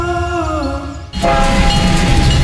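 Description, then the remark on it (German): The steam locomotive Graf Arnim of the Parkeisenbahn Cottbus sounds a sustained, multi-toned whistle for about a second, then breaks into loud, steady rumbling and hissing as it runs along the track. “Erlebt die Dampflok Graf Arnim live in Fahrt”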